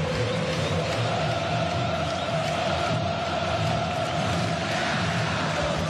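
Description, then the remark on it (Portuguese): A dense, steady roar of a football stadium crowd at a Santos match, raising its noise, loud and continuous for the whole stretch, with a faint sustained tone running through the din and no single voice standing out. “E a galera subiu o som, hein?”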